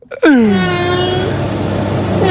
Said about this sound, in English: All right. It's the inflection. I can hear it. You think that's an Irish cat? Yeah. You can hear it. Sorry, Northern Irish. Northern Irish.